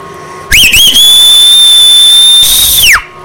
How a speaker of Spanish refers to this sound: Le podría mandar un chiflido a mi sobrino Fernando, que todavía no se levanta.